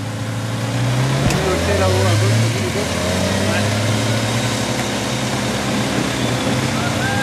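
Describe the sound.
A motorcycle engine drones steadily, its pitch rising and falling slightly as it runs for the whole stretch, with indistinct voices faintly mixed underneath.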